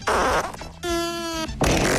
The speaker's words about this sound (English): Yeah, just nothing but... nothing but farts, and that's the review.